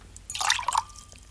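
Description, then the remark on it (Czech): A brief splash of water poured into a glass, a quick liquid gurgle lasting about half a second with a faint ringing tone, heard alone with no talking. “Jen trochu té vody, prosím.”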